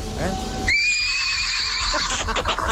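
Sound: horse neighing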